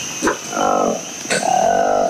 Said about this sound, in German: So klingt das kleine Äffchen, das fast am ganzen Körper schwarzes Fell trägt. Nur rund um den Mund hat es orange Haut und auf den Wangen graue, sowie einen weißen Fleck am Hinterteil.